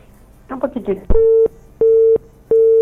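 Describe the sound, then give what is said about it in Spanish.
A phone call is cut off by a poor signal: the line drops with a click after a brief muffled voice, then a steady busy tone beeps three times in an even on-off rhythm, loud. “Ve, me cortó el teléfono. Está mala la señal, parece, ¿ah?”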